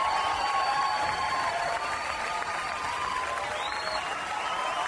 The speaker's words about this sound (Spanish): Pido el fuerte aplauso para inaugurar este mes. Primero de julio del 2026. Fuerte los aplausos para todos los que lo logramos en este séptimo mes.